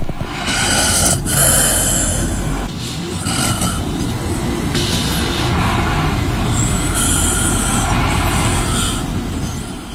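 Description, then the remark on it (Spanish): Heavy, rasping snoring by a woman, captured in the early morning in the Ibis room, rumbles on continuously and loudly, with rough breaths rising and falling in a slow rhythm over a noisy background. “Es que no se escucharon bien los ronquidos, pero son unos ronquidos durísimos de ….”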